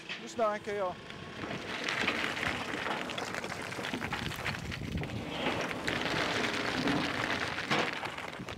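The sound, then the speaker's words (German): Coal pours steadily into the tender of steam locomotive 5519, refilled before each run; the tender holds 10 tonnes. A dense, continuous rattling and rumbling clatter that barely changes in loudness, with a short tonal squeal at the very start. “Wie vor jeder Fahrt muss Kohle aufgefüllt werden. 10 Tonnen passen in den Tender.”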